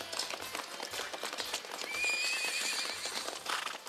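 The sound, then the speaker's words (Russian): A horse's hooves clop in a steady, brisk rhythm, and midway through the horse lets out a short, high whinny over the continuing hoofbeats. “Не лошадь, а богиня.”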